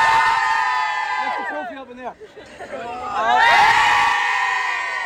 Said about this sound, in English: So the Carlow players are just getting set up for their photograph here. So we'll talk to some of those players after this photograph is taken. Okay, everyone in. A big cheer, hands up.